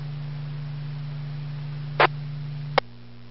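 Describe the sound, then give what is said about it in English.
A six-year-old heat pump runs with a steady, low electrical hum, no voices. Two sharp clicks follow a moment apart, and the hum drops away after the second click. “It's a heat pump, so it's running, I guess, all year.”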